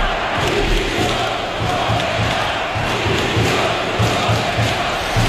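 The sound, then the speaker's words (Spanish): A large stadium crowd at Mestalla, Valencia, during a preseason match chants in unison, loud and sustained, demanding the resignation of coach Corberán, with a steady rhythmic pulse of voices repeating throughout and no single speaker standing out. “Gritos de dimisión hacia Corberán, que no sé si es el principal responsable, pero es algo que desde fuera llama mucho la atención”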